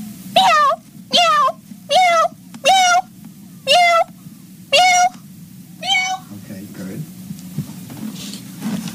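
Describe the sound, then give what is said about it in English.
A person imitates a cat into a microphone with seven short, rising-and-falling meows in a steady rhythm, evenly spaced, over a low background hum, with a last softer one trailing off. “Now, can you just give me some more meows so I can use in case I do it in stereo?”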